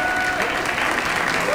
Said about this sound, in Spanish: Un fuerte aplauso